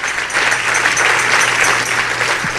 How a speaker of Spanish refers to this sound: Si ese es el aplauso, déselo más fuerte al Señor.